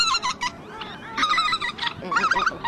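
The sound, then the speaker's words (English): A busy chorus of honking geese calls overlapping one another in the breeding wetlands around Tshekpuk Lake in the Arctic, harsh nasal cries repeating in bursts, with no voices present. “The wetlands around Tshekpuk Lake are among the most vast in the entire Arctic. They're critical for millions of birds to breed every year.”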